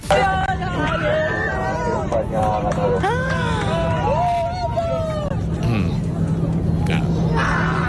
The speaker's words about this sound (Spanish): Pues cuando los pasajeros argentinos ya estaban celebrando, esta historia no acaba. Se puede escuchar en mitad de los gritos de alegría de los pasajeros la frase lapidaria del piloto: España ha ganado.